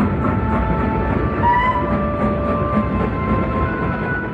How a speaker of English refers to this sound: Then he gave another whistle. The train began to move forward so fast that it was frightening.